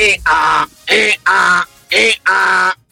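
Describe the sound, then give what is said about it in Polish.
Someone imitates an angry donkey braying: three loud, harsh hee-haw pairs in a steady, almost mechanical rhythm, each pair a short rasping burst followed by a longer, strained one. “A ten to się wkurzył nie, strasznie. To jest osioł, który marzy o karierze jako kierunkowskaz.”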